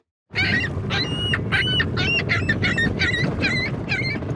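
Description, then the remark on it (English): Loud seagulls call over and over at HTO Park on Toronto's waterfront, roughly nine sharp squawks in quick succession, against a steady rush of waterfront background noise. “a new club on Toronto's waterfront has been busy counting a different kind of animal, seagulls.”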